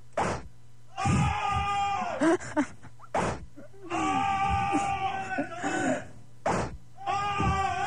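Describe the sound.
Several voices scream and cry out in long, drawn-out wails, repeated in loud bursts, with sharp whip cracks between the outbursts as they are whipped.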